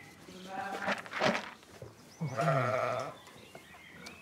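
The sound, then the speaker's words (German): Sheep on a farm in North Rhine-Westphalia, Germany, being driven out to pasture in the morning, bleat in a short burst of overlapping calls, with one long, quavering, fairly loud bleat standing out before the flock quiets to a low murmur. “So, müssen wir mal die Schafe eben Almauftrieb machen, wie jeden Morgen.”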